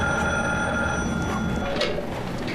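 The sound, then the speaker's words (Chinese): A home telephone, which has already rung several times, rings steadily and fairly loudly, its bright electronic tone repeating in quick pulses over a dense background hum, with no one speaking. “你快接电话吧，也不知道是谁，都响了好几次了。”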